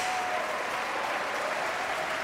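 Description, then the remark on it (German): The audience in a sold-out concert hall applauds steadily at a season-opening concert conducted by Jonathan Nott, a dense wash of many hands clapping at once with no pauses, at moderate volume. “Sie hören, das Publikum ist sehr, sehr angetan.”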